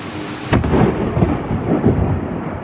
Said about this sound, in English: This is an amazing video of a close-up lightning strike. You've probably seen some videos like this before, but I think the sound of this one was just incredible.